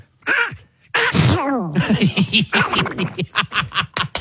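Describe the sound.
A man imitates Donald Duck sneezing: a short wind-up, then a big sneezy burst followed by a rapid string of quacky, gargling pulses, loud.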